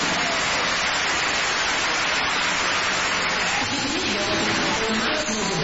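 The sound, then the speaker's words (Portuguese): A crowd claps for Jesus steadily for several seconds, a dense, even crackle of many hands with no pauses, fairly loud throughout, with faint voices mixed underneath toward the end. “Deus abençoe, palmas para Jesus.”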